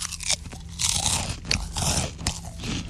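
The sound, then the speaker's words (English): Loud crunching of crisp food being chewed by someone eating about four pieces at a time, with repeated bites and sharp crackly bursts in an irregular rhythm over about three seconds, no talking. “I actually don't like listening to you eat.”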